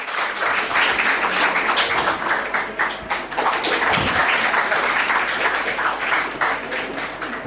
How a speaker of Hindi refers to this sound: Team आबशार के लिए मैं कहूंगा कि आप ये समझ लीजिए आप जीते नहीं हैं, लेकिन आज के बाजीगर आबशार जी, बिल्कुल सही बात है, जोरदार तालियां आपके लिए।